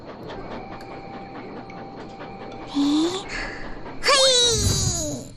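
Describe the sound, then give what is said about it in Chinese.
A small amusement park train rumbles along steadily with faint rhythmic clicking as the park is closing, then brief high, gliding squeals or voice-like sounds rise over it near the end. “真是天助我也，这些小火车很快就会出来了。”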